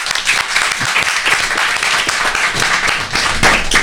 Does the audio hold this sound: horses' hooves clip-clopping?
no